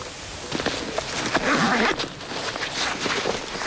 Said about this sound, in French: Et dans le brouillard, comment tu fais pour te repérer? Tu te repères au son des brebis? Ouais, au son des cloches. Là, ça, c'est des brebis du Pays Teuil, donc d'ici. Et elles ont des cloches différentes des miennes, qui sont des brebis basques.